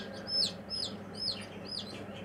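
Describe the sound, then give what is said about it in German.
High, thin ducklings peeping in a quick series of about four downward-sliding chirps, moderately loud over a low, steady background hum. “Die Entenmannschaft braucht aber noch Verstärkung.”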